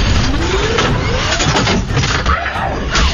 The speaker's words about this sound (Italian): No, motorino, no! Non mi lasciare!